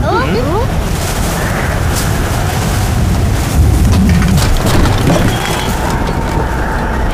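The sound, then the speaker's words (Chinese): Strong wind on an island roars loud and unbroken for several seconds, a dense gusting rush that swells slightly midway, with a brief voice-like tone at the very start. “别慌，在海岛上刮风是小意思。”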